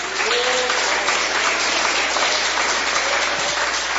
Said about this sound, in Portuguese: Podeis assentar, e aquelas palmas que glorificam a Deus.